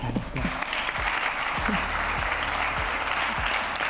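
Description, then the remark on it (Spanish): Steady, dense applause from a sizable crowd as a guest joins the stage, many hands clapping at once with a bright, continuous rattle and a few low thumps underneath. “un aplauso también para ella.”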